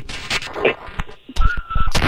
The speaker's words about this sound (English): Is that a whistle? I heard it whistle.